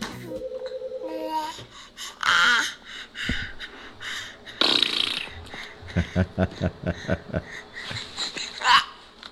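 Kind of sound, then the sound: human body sound, baby babbling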